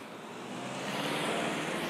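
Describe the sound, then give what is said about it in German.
A car approaches along a village road that is being provisionally blocked to drive cattle across: a steady, broad rush of engine and tyre noise that swells slightly louder over two seconds, with no voices. “Da kommt schon eins, ja.”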